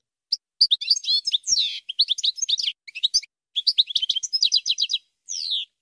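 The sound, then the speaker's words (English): A European goldfinch sings a rapid, tinkling stream of bright, high twittering notes and liquid trills, with only brief pauses and no other sounds. “Here, let's listen a little bit to a European goldfinch.”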